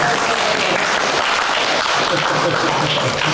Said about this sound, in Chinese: 好，好，咱们就鼓掌欢迎他吧，好不好？